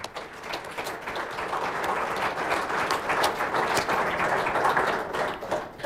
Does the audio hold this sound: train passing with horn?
no